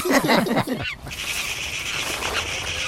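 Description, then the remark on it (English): A burst of loud, harsh squawking from several birds startled out of a tree by Bingo climbing up it, quickly giving way to a steady rushing flutter as they take flight. “He scared those birds out of the tree.”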